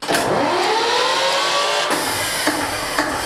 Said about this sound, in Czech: Díky úsilí nadšenců je například v provozu i původní přes 60 let starý dieselový agregát. Já zapnu dekompresor a motor se natočí. Tak, jdeme na to.